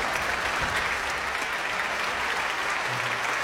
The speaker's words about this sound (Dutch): En dan ook nog één keer een hartelijk applaus voor het Radio Fiel. En voor de dirigent Marcus Stenz.